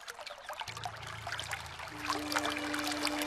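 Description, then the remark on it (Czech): A stream trickles and babbles steadily, a continuous bright burble of running water with a faint low hum underneath, no voices. “Jen musím jít co nejblíž k potoku.”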